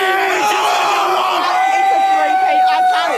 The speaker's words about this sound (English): Lions fans have been roaring through the night in Melbourne after the Brisbane side defeated the Dockers at the MCG with 4 goals in the final 4 minutes.